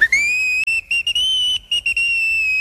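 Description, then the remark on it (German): A high, bright whistle sounds alone: one long rising toot, then a string of short, choppy bursts at a steady pitch, as the locomotive Emma, set back on her old moss- and grass-grown tracks, gives little joyful whistles. “Emma trug noch immer ihren großen goldenen Orden mit der blauen Schleife und stieß in einem Fort kleine Freudenpfiffe aus.”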